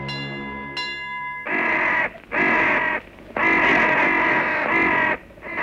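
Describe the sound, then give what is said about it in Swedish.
A steady tonal hum fades into several loud, harsh crow caws in a row, rasping, with brief gaps between them and no speech. “I övrigt består det mest av dova signaler, motorljud och kraxandet från kråkor.”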